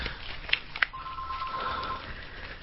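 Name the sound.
telephone ringing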